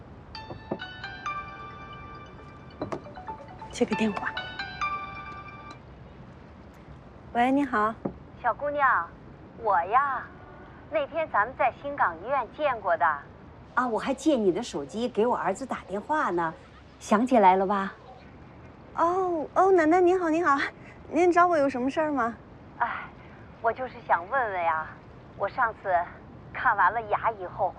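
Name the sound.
phone ringing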